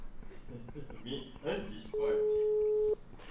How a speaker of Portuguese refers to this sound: Telefone tocando, ouvinte atendendo.